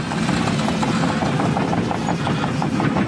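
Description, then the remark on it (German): Excavators rolling at a construction site at a primary school in Kernen im Remstal near Stuttgart, Germany: a steady, loud mechanical rumble with low engine drone and a rapid, regular clanking of metal tracks running throughout. No voices are heard. “Die Bagger rollen hier an der Grundschule in Kernen im Remstal nahe Stuttgart.”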